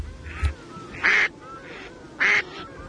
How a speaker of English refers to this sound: Pārera. The Great Duck.